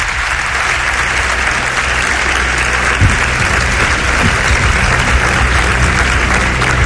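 Sustained audience applause, a dense, steady wash of many hands clapping at an even loudness for several seconds, with no voices standing out.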